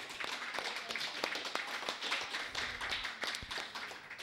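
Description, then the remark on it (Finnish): An audience applauds steadily for a few seconds, many overlapping claps blending into a dense, crackling patter at moderate volume, with a few sharper individual claps standing out. “Olisiko aplodit sille?”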